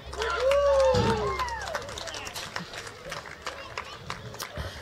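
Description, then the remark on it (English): A festival crowd in Tennant Creek applauds a band with a dense, steady patter of clapping, and a loud rising whistle cuts through near the start. Cheering voices carry faintly underneath as the clapping continues throughout. “Can we give a big round of applause for my band?”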